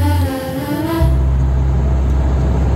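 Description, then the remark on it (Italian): A truck engine roars, its tone climbing briefly before settling into a heavy, steady low rumble as it drives along the road at 70 per hour. “Guarda che roba, si viaggia, bestia, guarda che meraviglia. 70 all'ora.”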